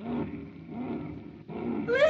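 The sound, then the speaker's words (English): A giant whale's sneeze, caused by smoke from a fire, rumbles out as deep, throaty roaring in three heaving surges, the last one swelling louder and finishing with a rising, whistling squeal. “I was right outside when that whale sneezed.”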